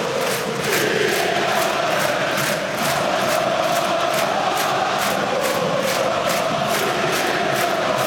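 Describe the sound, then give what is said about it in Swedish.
A huge football stadium crowd of AIK home supporters roars and chants in unison during a derby against Hammarby, with AIK having come back to lead 3-2; steady rhythmic claps or beats pulse about twice a second under the sustained wall of voices, loud and continuous throughout. “Ja, så låter det när man har vänt ett derby och leder med 3-2 på hemmaplan.”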